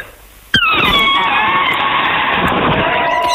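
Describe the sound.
A voice imitates an elephant trumpeting, made by blowing in a great deal of air and pressing both lips together: after a short quiet lead-in, one sudden loud, shrill, brassy blast starts and holds steady for about three seconds, with a slight downward bend at its onset.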